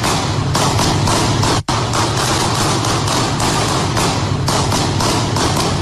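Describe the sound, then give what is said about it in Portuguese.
Rapid, loud bursts of gunfire from police officers shooting at a man lying on the asphalt of a street in the early morning go off continuously, dozens of sharp shots overlapping into a dense, harsh clatter, with only a brief break partway through. No one speaks. “E no áudio também é possível ouvir alguns tiros, dezenas de tiros, na verdade.”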